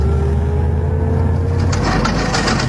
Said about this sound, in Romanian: Am mașinuța mea, ia, ascultați ce frumos sună. Nu, stați, să nu confundați, nu. Aceea era bla paraschiveștilor. A mea sună mai plin, da, mai... Da. Ia, uite, fiți atenți.